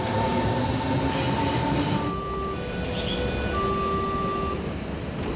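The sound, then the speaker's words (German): An S-Bahn commuter train rumbles steadily, its wheels and motors giving off high, sustained squealing whines over a dense, continuous roar, with no voices. “Also es gibt tausend Gründe und es wird jeden Tag, glaube ich, neuer erfunden, warum die S-Bahn nicht kommt.”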